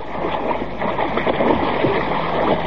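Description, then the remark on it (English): Loud water splashing and churning continues steadily throughout, a dense agitated sloshing as someone who has let go of a boat thrashes in water only about a foot deep, with no voices. “Help! Help me! I'm drowning!”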